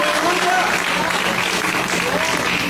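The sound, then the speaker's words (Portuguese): A church audience claps steadily to glorify Jesus in a dense, continuous wash of applause, with faint voices mixed in beneath the clapping. “E a igreja pode glorificar com mais palmas para Jesus.”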